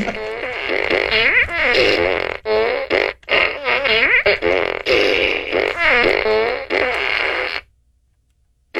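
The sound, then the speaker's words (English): A rapid series of loud fart noises made by a person imitating farts, wet and buzzy with wavering pitch, bursting out one after another for several seconds before cutting off into silence. “A traveler's plan was derailed. By a bunch of farts.”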